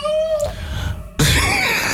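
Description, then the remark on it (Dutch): A person imitates a female cat and the neighbour's tomcat yowling in the garden, starting with a thin, wavering whine that trails off, then breaking into a loud, harsh, spitting screech. “Onze poes en de buurmans kater.”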